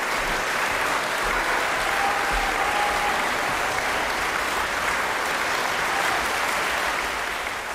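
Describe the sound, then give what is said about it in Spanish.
Sustained applause from a concert audience at the Schubertiade in Schwarzenberg on 4 June, after a piano performance by Swiss pianist Francesco Piemontesi. A dense, steady wash of many hands clapping at a constant loud level for several seconds, with no voices standing out. “4 de junio en la Schubertiada de Schwarzenberg por el pianista suizo Francesco Piemontesi, una interpretación llena de matices y con una enorme paleta de colores sonoros que Piemontesi extraía del piano y por la cual sonaban estos merecidos aplausos.”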